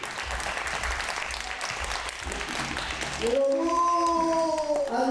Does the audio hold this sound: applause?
yes